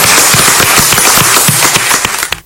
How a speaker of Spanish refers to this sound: ¡Viva la Virgen de Luján! ¡Viva! ¡Fuerte el aplauso para nuestra madre!